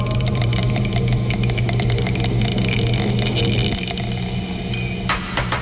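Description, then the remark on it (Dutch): A small die falls off a desk and clatters onto a hard surface, a quick burst of sharp clicks near the end, heard over a steady low droning hum that runs throughout. “Dobbelsteen is van het bureau afgevallen.”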